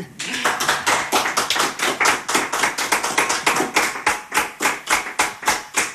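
An audience applauds steadily for about six seconds, sharp overlapping claps forming a loud, dense patter with a slight pulsing rhythm and no voices on top.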